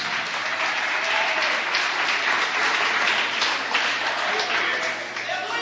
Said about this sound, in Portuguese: Pode se assentar e aplaudir. As palmas são para Jesus.